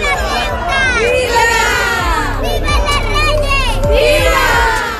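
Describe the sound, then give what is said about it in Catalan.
Hundreds of people at the doors of a school for students with autism spectrum disorder cheer loudly and continuously to welcome the visiting king and queen, with many high excited voices and shouts overlapping into a dense, sustained roar, with some applause mixed in. “A les portes, centenars de persones també els esperaven per a rebre'ls amb vítols i aplaudiments en un dia per al rècord.”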